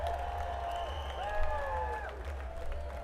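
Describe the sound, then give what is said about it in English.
A crowd applauds steadily for about three seconds for Bill Tiller, who runs Tipitina's, with sustained whoops and cheering voices rising over the clapping and a low constant hum underneath. “Y'all give a round of applause for Bill Tiller running Tipitina's, y'all.”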